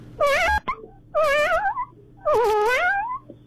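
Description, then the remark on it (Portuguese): A human voice imitates a kitten with three high, wavering meows, each a drawn-out, sliding whine separated by short pauses, loud and without any other talk. “É um gatinho, pô.”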